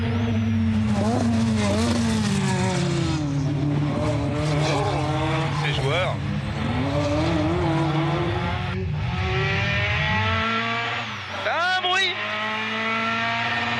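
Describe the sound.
A turbocharged rally car engine revs hard and accelerates, pitch climbing through repeated gear changes of its short gearbox, power arriving violently, with tires squealing at moments as the driver heats the tires and the car slides slightly sideways, while a man talks over the loud, continuous roar.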